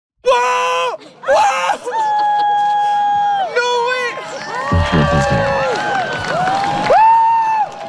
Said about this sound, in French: Je ne sais pas si on a entendu les mêmes cris, les mêmes exclamations, effectivement, en Espagne, parce que ça, c'était chez nous au printemps 2024.